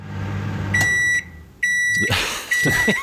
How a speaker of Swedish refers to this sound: Vi kan börja med mikro hemma, bara ljudet där. Låten så här.